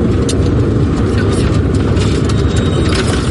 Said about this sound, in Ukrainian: Нам повідомляють, що небо чисте і машина рушає.